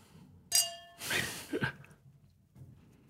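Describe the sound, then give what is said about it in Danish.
A single bright clink of glasses touching in a toast rings out and fades over a moment, followed by a soft breathy exhale and some quiet rustling. “Skål, skål på skål, det her.”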